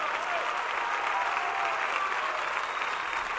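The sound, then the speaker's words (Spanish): An audience applauds for Jesus (the Lord), steadily, a dense, continuous wash of many hands clapping at once with no breaks, fairly loud, and faint voices and cheers mixed into the crowd noise. “Este aplauso son mejores que los aplausos que reciben los artistas”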